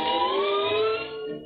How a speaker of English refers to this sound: Oh, boy, what a night. Listen to that wind howl.